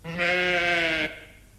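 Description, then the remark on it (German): A single sheep bleat, loud, lasting about a second with a steady, nasal tone before cutting off into quiet background noise. No one speaks. “Bist du's? In ein Schaf verwandelt?”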